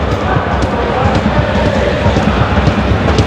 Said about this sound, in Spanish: Me sigue lloviendo aquí en Burgos, ¿eh? Mucho.